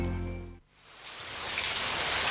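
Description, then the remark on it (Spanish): After a brief low tonal hum cuts off, steady rain patters onto a surface, a dense hiss of drops building slightly and continuing evenly with no voices. “Empezá a disfrutar del sonido de la lluvia sin preocuparte por las filtraciones.”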